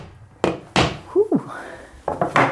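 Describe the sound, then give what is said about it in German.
A hammer drives a new nail into a wall at home with several dull, heavy thuds at an uneven pace, a short ringing squeal between the first blows and the final quick strikes. No one speaks. “Und packt es gleich aus, greift zum Hammer und schlägt einen neuen Nagel in die Wand.”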